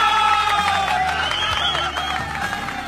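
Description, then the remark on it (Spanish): A crowd applauds and cheers without a break, a dense wash of clapping with shouting voices and whoops rising through it, loud throughout. “Un aplauso para ellos.”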